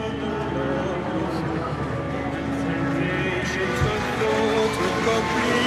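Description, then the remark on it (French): A huge crowd waving flags clamors and cheers as the pope blesses it, in a dense, steady roar of many voices, loud and unbroken, with occasional shouts rising briefly above the din. “Vous entendez la clameur, la ferveur, la joie.”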